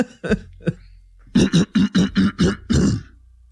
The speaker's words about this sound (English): Let me clear my throat.